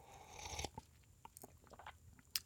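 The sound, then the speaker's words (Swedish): An airy slurp of hot coffee, the first cup of the morning, lasting about half a second, followed by a few soft wet mouth clicks and smacks in otherwise quiet surroundings. “Nu är det kaffeslurken igen då.”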